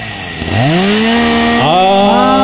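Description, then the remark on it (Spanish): A loud chainsaw engine revs up sharply, drops back, then revs again, its pitch climbing with each pull of the throttle. No voices, just the steady buzz of the saw. “Dicen que ya están empezando a sonar la motosierra.”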